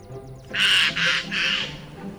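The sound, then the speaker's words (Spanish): Three harsh, raspy jay screeches in quick succession, loud, each a broad noisy burst; faint chirps precede them and a low background murmur continues underneath. “Un arrendajo.”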